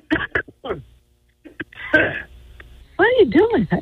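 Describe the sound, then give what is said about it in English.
A man's harsh bursts of coughing and throat clearing come through a thin, muffled phone line, a few sharp hacks followed by a longer rasp, then strained voiced sounds near the end. “Dude was coughing up a lung, and now he's walking.”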